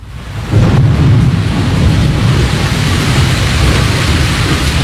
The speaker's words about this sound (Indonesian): Hingga suatu hari, terjadi hujan badai muncul secara tiba-tiba.